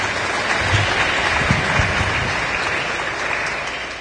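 A crowd claps loudly and steadily for about four seconds, a dense wash of many hands with no voices standing out, fading slightly at the end.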